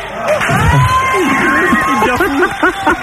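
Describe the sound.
A crowd cheers and applauds steadily for about three seconds, a loud dense wash of clapping with shouting and whooping voices rising and falling over it.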